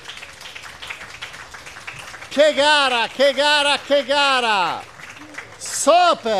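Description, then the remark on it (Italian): A crowd claps and cheers for the winner of the senior category at the end of a race in Mesagne, a dense, steady wash of noise, then a loud, excited announcer's voice shouts over the continuing applause. “Bravissimo, facciamogli un applauso.”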